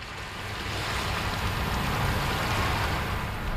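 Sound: ocean waves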